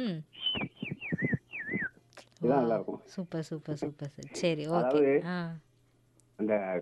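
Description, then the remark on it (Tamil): A mimicry artist from Sankarankovil whistles an imitation of a koel's call, a few rising-falling notes repeated quickly at the start, then conversation follows with voices talking. “அதை விட சிறப்பாக இருப்பது குயில்.”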